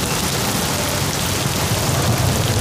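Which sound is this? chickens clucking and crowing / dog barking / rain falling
rain falling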